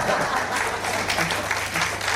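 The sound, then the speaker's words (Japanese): An audience breaks into steady, dense applause, many hands clapping together at an even level for the whole couple of seconds, with a faint murmur of voices underneath. “拍手がなかったな、これ。”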